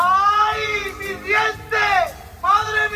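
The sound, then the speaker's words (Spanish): A man over 60 years old screams because his teeth are coming in: three loud, drawn-out wailing bursts, each sliding up and down in pitch, with short gaps between them and a low murmur underneath. “¿por qué grita así tu marido?”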